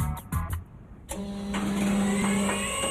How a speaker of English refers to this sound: But what's with the big diesel?